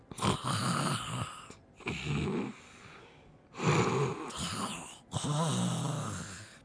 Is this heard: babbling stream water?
no